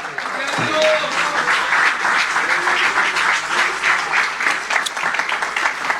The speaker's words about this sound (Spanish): Bueno, demos el aplauso de nuevo. Gloria a Dios.